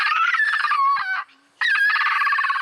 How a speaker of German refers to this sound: Wollaffen können quietschen, bellen, murmeln. Manchmal klingen sie sogar, als würden sie mit den Zähnen klappern. Hör mal, das hier ist auch ein Wollaffe.